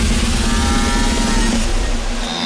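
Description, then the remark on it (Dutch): A long, loud, rasping burp by a woman known from Dutch television, with a low droning pitch, sustained for nearly two seconds before trailing off, with no talking around it. “Dit is de boer van een BN'er.”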